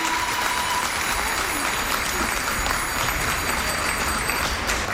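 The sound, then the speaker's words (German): Steady, dense applause from a large crowd at the artistic cycling world championships in Göttingen, Germany, as a Dutch gymnast jumps off his bike, with Dutch fans' bicycle bells ringing in thin, high tones continuously through the clapping. “Das Publikum applaudiert, landestypisch mischen sich Fahrradklingeln der niederländischen Fans in den Applaus.”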